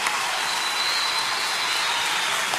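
Sustained applause from an audience, an ovation for two singers, one of them a young boy, after they sang together, a dense, steady wash of clapping hands with no pauses and no voices rising above it.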